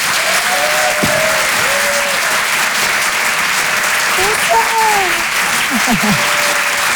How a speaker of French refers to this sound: Le Rire et Chanson Comedy Club. Et je vous demande un tonnerre d'applaudissements, s'il vous plaît,